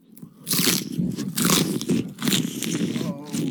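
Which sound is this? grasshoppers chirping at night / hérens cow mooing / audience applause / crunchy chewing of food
crunchy chewing of food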